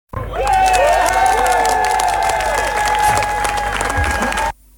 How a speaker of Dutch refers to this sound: Een mooi applaus voor het mooie geldbedrag dat is opgehaald door kinderen voor kinderen.